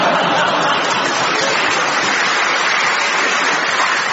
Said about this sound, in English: Just to explain, David, there was a big cheer for that.